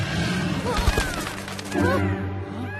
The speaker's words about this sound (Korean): 방금 용이 으르렁거리는 소리 같은데.